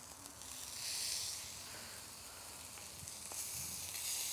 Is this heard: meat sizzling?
yes